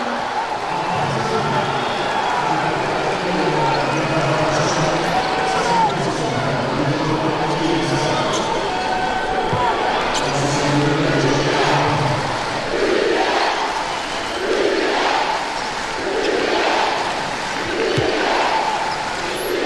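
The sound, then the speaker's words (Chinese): A home crowd roars continuously, booing the visiting team in sustained low waves across the whole stretch, loud and unbroken, while a voice talks beneath the din; the fans are unhappy with recent referee calls. “主场球迷给客队的嘘声，刚才这段时间的一些吹罚呢，让现场的球迷也不太满意。”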